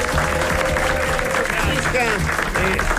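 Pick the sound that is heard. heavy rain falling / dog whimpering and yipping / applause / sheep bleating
applause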